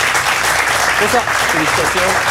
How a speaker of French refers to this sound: On peut encore l'applaudir.